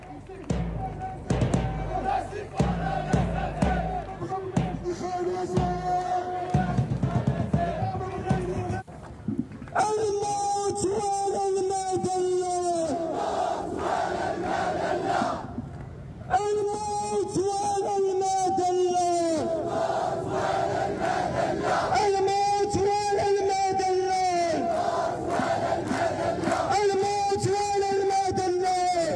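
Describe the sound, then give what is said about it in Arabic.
A large crowd at a night demonstration in Marrakesh, Morocco, supporting Palestine and opposing the war in Gaza, chants slogans in unison backing the Palestinian cause and rejecting the Israeli embassy in Morocco, voices rising and falling in repeated rhythmic bursts, with percussive clapping or drumming under the loud, sustained shouting. “ورفع المشاركون الأعلام الفلسطينية ولافتات مناهضة للتطبيع، ورددوا هتافات داعمة للقضية الفلسطينية ومطالبة برفض وجود السفارة الإسرائيلية في المغرب.”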